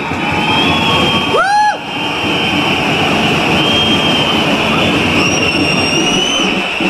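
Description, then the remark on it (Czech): A tram rumbles steadily past, its broad, continuous roar joined by a sustained metallic whine and a brief rising-and-falling squeal of wheels on rails. “Nije valjda da svi čekate tramvaj danas.”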